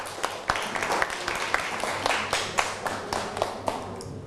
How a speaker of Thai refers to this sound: ปรบมือให้กับเพื่อนกลุ่ม6หน่อยครับ